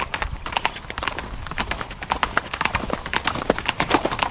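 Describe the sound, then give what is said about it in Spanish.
Horse hooves clip-clop in a brisk, steady rhythm as a stagecoach bound for London rolls along, the sharp hoofbeats clear over a low rumbling of wheels. “Dudé de si al detenernos a cambiar los caballos, me regresaría a pasar otra noche en casa para despedirme mejor.”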